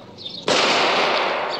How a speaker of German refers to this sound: Sind das die Salutschüsse zur Ankunft der Majestät? Nein, Exzellenz! Die Schüsse kommen aus dem Wald, Wilderer.